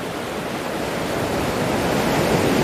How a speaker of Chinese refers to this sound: 虎鲸学徒需要感受海浪的力量，靠海浪推动自己靠近目标，再跟随海水后退，选择合适的时机咬住目标，然后利用下一波海浪转身返回。